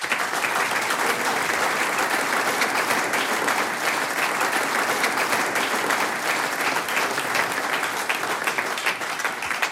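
Sustained audience applause fills the whole stretch, a dense, steady patter of many hands clapping at close range with no pauses and no voices rising above it.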